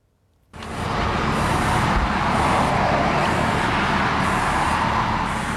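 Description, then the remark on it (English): Steady road traffic hums along Katherine's main street, past a bronze statue of Sabu Peter Singh on his horse; a broad continuous roar of passing cars that swells in at the start and stays loud throughout, with no voices. “On Katherine's main street, a bronze statue of Peter, or Sabu Singh, on his horse presides over the passing cars.”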